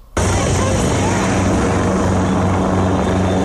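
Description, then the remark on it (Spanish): An army helicopter roars steadily, its rotor thudding in a rapid, even rhythm beneath a dense wash of engine and wind noise that starts abruptly and holds loud throughout. It has been deployed with gendarmerie and police on the outskirts of Castillejo, near the road from Tangier. “los que bajaban de los montes, que vienen de la carretera de Tánger y también a las afueras de Castillejo, y han llegado rápidamente efectivos de la gendarmería, de la policía o helicópteros del ejército.”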